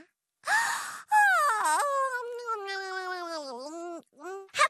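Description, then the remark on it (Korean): A robot gives a big yawn: a breathy intake of air, then a long, loud, drawn-out vocal moan whose pitch wavers and dips before trailing off, followed by a couple of short breathy sounds. “로봇, 너도 크게 하품해봐.”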